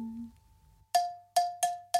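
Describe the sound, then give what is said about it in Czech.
Hand bells swung and ringing: four loud, bright metallic strikes at a steady mid pitch, each ringing on briefly, irregularly spaced, following a faint low hum. “No tak je libo něco jemnějšího, sličná slečinko, který rádo se stane, stačí rozhoupat zvonky ruční.”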